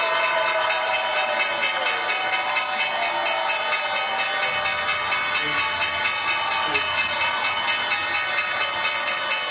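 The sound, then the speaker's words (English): A loud electric stock exchange closing bell rings at the NYSE, ending the trading day, with Ladenburg Thalmann ringing it: a continuous, rapid, steady clatter of metallic strikes for several seconds, with a low background rumble underneath. “The bell's bringing an end to the trading day at the NYSE.”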